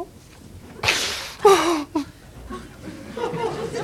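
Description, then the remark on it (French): A father slaps his son for refusing to eat his soup: a sharp slap lands, then a second smacking hit followed by a short pained gasp and whimpering vocal sounds, before the scene settles into quiet murmuring. “Tout le temps me foutre des gifles quand je veux pas manger des machins que j'aime pas.”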